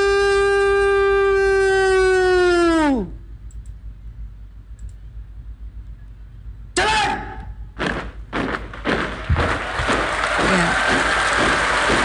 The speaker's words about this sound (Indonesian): Riuh tepukan kini bergema ya di kawasan Istana Merdeka Jakarta sebagai apresiasi atas terlaksananya kegiatan penurunan sang merah putih yang berjalan lancar.